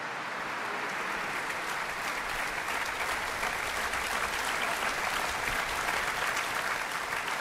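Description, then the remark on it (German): Loud, sustained applause from a large, enthusiastic audience in an open church at a festival's closing concert in Mecklenburg-Vorpommern, after a violin performance, a dense steady wash of clapping with a reverberant quality and no voices standing out. “Sie merken vielleicht, ich habe ein bisschen Schwierigkeiten, stimmlich gegen den Applaus anzukommen.”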